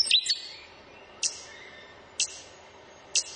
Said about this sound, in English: The hee-hee, the stitch bird.